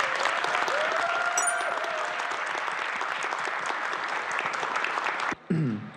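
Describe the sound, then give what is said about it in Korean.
Sustained, dense applause from a large audience at a live show broadcast worldwide fills about five seconds at steady volume, then cuts off abruptly, followed by a brief snippet of a different sound. “올해 개편 프로그램을 이끌어줄 서혁을 드립니다. 힘찬 박수 부탁드립니다.”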